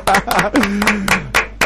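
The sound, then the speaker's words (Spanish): Brief, loud clapping in sharp, irregular bursts as a woman learns she has won a motorcycle in a prize draw, with a voice calling out over it for a moment. “¡El aplauso!”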